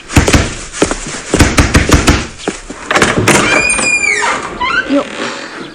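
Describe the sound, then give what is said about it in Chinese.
Loud, heavy knocking on a door: a rapid series of hard thumps for about three seconds, followed by quieter shuffling and a few squeaky, high-pitched sounds. “谁呀？这么没礼貌！ 哎，快去开门。”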